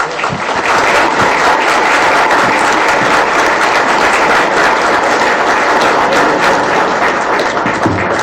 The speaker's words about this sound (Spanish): Y para ello invitamos a escuchar las palabras de la consejera Cosette López Osorio, a quien pido un fuerte aplauso.